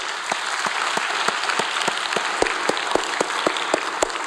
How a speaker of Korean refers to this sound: 우리 하나님께 영광의 박수합니다. 할렐루야.